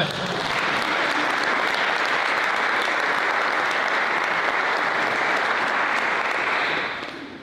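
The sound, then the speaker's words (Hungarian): Sustained audience applause for Rita Rubovszky, a dense, steady wash of clapping hands that holds at an even, loud level for several seconds before tapering off at the end. No voices are heard over it. “Rubovszky Rita, te neked ez már pipa, egy tapsot kérek.”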